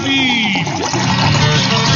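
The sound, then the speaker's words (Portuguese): Spring water pours steadily into a glass for about two seconds, a continuous splashing stream with a faint ringing tone that shifts as the glass fills. “Eu vou preparar meu copo com água aqui também, ó.”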